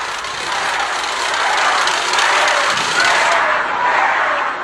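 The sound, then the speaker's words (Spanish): A crowd of attendees boos and shouts at the president during the event Honestidad y Resultados, on her tour for her second government report, in a dense, continuous roar of many voices, loud and steady throughout with no single voice standing out. “El evento se llamaba Honestidad y Resultados y se encontró con un grupo de asistentes que le gritaron de esta manera, que la abucharon.”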